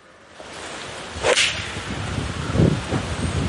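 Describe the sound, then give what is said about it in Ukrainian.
A wounded war veteran in Ukraine swings a golf club; it whips through the air and strikes the ball with a sharp crack, followed by faint outdoor rustling and a softer thud against steady background noise. “Після удару Олександр з напарником сідає в авто для гольфу і лунка за лункою об'їжджають величезне поле.”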